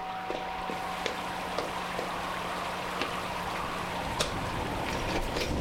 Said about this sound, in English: Well, don't just stand there. It's raining in.